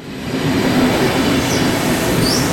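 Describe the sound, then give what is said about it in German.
A steady, loud rumble of trains arriving and departing at Olten railway station fills the scene, with a low hum and faint high squeals of wheels on rails, continuous throughout and without any voices. “Bahnhof, Leute wuseln durcheinander, juffeln vom einen Perron zum anderen. Züge kommen, Züge gehen.”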